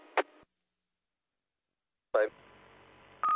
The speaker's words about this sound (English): It sounds like somebody's flying in from somewhere. And they got a funky beep there on their repeater.